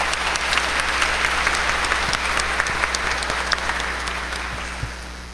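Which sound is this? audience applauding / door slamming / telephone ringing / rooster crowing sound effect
audience applauding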